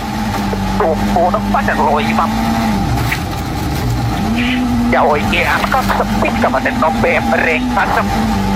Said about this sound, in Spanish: Disfrutando, ¿eh? Disfrutando el rally desde todos los lados, arriba del auto de Sami Pajari, del finés.